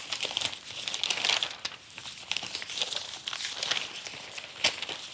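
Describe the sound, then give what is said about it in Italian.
Paper pages rustle and crinkle continuously as they are gathered up, a busy shuffling with irregular crisp bursts and no voices. “Non potevamo iniziare senza perderci qualche pagina.”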